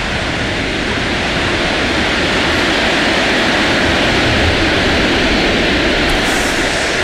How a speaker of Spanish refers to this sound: Últimas palabras de Lionel Messi, que hace un ratito habla en el Monumental. Para el 10. Hace la pausa porque cae el aplauso desde la galera y la ovación.